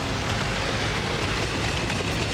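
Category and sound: vehicle, train running on rails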